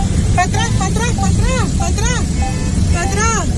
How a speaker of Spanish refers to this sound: Están siendo atrapados por el alud. Suenan las bocinas de los vehículos.